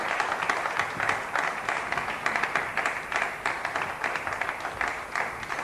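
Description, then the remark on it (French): Sustained applause from an audience, a dense patter of many hands clapping steadily at an even, moderately loud level for several seconds, with no voices standing out, welcoming the minister of External Trade, Julien Paluku Kaungia, on a panel. “Seul sur ce plateau, nous avons aussi le ministre du Commerce extérieur, Monsieur Julien Paluku Kaungia, sous vos applaudissements, Monsieur le ministre.”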